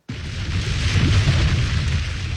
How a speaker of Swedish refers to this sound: Ja, så här lät det när vulkanen Hunga utanför önationen Tonga hade ett utbrott 2022. Något som i sin tur ledde till tsunamis.